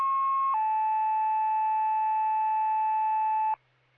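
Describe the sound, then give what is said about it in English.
Two loud, steady electronic tones play back to back on an emergency dispatch radio channel: a higher pitch for about half a second, then a slightly lower one held for three seconds before cutting off abruptly. No one speaks. “You can disregard your tones.”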